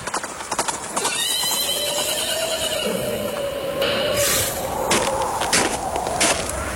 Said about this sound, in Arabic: شايف يا حابس؟ شايف فارس على خيل سودة جاي علينا يا حابس.